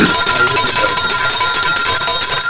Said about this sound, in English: I didn't ring the bell.